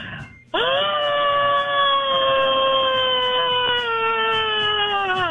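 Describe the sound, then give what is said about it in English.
A man's voice lets out one long, loud, strained screech in imitation of a bald eagle, holding a high, steady pitch for about five seconds that sags slightly toward the end. “That was that ain't no American bald eagle.”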